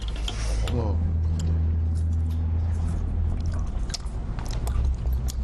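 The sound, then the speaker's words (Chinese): Wet chewing and sucking as meat is pulled off a bone, with squishy mouth sounds and clicks repeating over a steady low background rumble. “它这个肉是得往下嘬的才能下来，”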